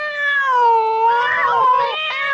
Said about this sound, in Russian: Еще через 5 минут по тревоге были собраны знакомые кошки со всего квартала. Их набралось 10. План Мурли был прост. Пока еще светло, забраться в сад господина Элемейта и устроить там небольшой кошачий концерт.